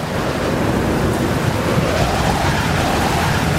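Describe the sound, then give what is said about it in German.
A loud, steady roar of rough surf, like heavy storm waves churning and crashing during a raging storm, with a dense rumbling low end and no voices. “Durch das Fenster können wir starke Wellen sehen, die sich wie Giganten erheben.”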